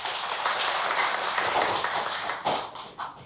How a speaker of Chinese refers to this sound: 掌声欢迎郑京成先生。